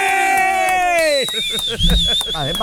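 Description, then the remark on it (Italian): A group of voices shouts and yells loudly all at once, pitches sliding up and down in a chaotic chorus, with a shrill high-pitched squeal carrying through the second half. “Dovete urlare, capito?”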